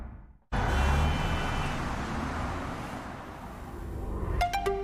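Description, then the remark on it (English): After a moment of silence, a combustion-engine car suddenly roars to life and accelerates hard, its loud, rumbling engine sustained for several seconds, with a few sharp clicks near the end. “There are, of course, electric cars that do that in the same time or even less, but they do not sound like this.”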